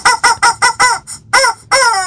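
A chicken calls loudly: five short, evenly spaced squawking crows in quick succession, then a brief pause and two longer, drawn-out crowing calls.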